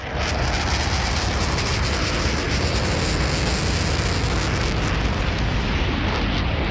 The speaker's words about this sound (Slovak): To bola letiaca včela. Áno, takto počujú bežné zvuky deti s autizmom, ktoré sú hypersenzitívne.